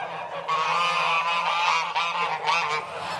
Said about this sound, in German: Seit mehr als 3 Monaten sind die Ganter und Gänse jetzt schon eingesperrt.